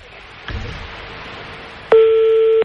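A telephone number being dialed: a soft clunk over steady hiss, then a loud, sustained electronic phone tone with a buzzy harmonic edge that holds steady and cuts off abruptly.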